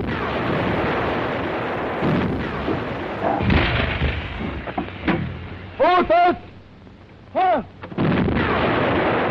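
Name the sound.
artillery cannon fire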